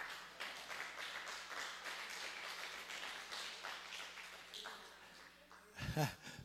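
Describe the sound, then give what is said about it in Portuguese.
A church audience at an apostolic service claps steadily so the apostle can drink water, a dense, sustained wash of applause for several seconds, fading slightly before a voice briefly rises near the end. “Nesse momento, nos cultos apostólicos, a igreja aplaude para o apóstolo beber água, entendeu?”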